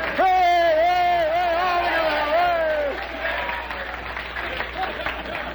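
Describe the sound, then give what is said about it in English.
A sustained, wavering voice holds a high note for about three seconds, then an audience breaks into steady applause and crowd noise that continues at a moderate level to the end. “What are you applauding, those people or what?”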